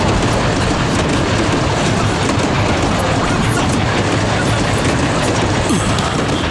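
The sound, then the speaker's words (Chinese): A train rushes through a station without stopping, at steady speed, a loud, continuous rumble with rhythmic clatter of wheels on the rails and a hissing roar that neither slows nor fades. “这一站怎么不停车呢？”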